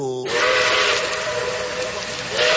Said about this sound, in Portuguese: Estamos aqui a alguns metros do terminal do Guadalupe. O trem já está apitando!